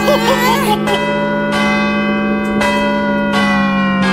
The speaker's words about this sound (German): Oh, ich sag ja immer, süßer die Glocken, die klingen.